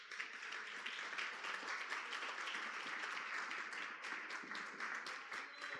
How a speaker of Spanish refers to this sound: Porque varón y hembra los creó Dios, dice la palabra del Señor. Un aplauso al Señor.